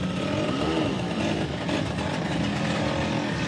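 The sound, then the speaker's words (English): Several Vespa scooter engines rev in Rome, Italy, where thousands of Vespa enthusiasts celebrate the scooter's 80th anniversary; a continuous loud buzzing drone with a brief rising-and-falling throttle sweep early on, blending into a dense outdoor crowd-like wash. “Thousands of Vespa enthusiasts celebrate in Rome on the 80th anniversary of the iconic Italian scooter.”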